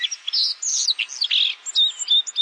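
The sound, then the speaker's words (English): White-throated sparrow song: bright, high chirps and thin whistled notes tumbling in quick succession for a couple of seconds, clear, with no voices. “The white-throated sparrow travels well into northern Canada during the breeding season.”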